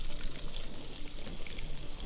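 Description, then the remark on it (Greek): A liquid mixture is poured into a hot pan over a strong flame and sizzles, a steady, dense hiss with fine crackling that holds even for about two seconds, with no voices. “Ρίχνουμε μέσα το μείγμα. Ακούστε τώρα.”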